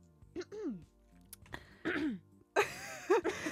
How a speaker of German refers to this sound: Sorry, ich kann ein bisschen husten.